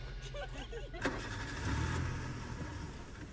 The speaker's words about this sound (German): Ja, da wurde nur ein Auto angelassen, das nehmen wir mal weg.